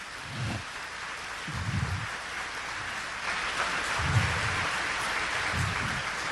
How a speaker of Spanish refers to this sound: Se llama la renovación carismática católica. Denle un aplauso al Señor por esa inspiración.